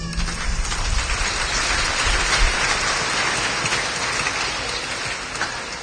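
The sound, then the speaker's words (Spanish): A crowd of churchgoers claps for Christ Jesus, at a preacher's call during a sermon. It claps steadily for about six seconds in a dense, even wash of many hands. No voices stand out, and the sound stays fairly loud throughout. “Den palmas a Cristo Jesús.”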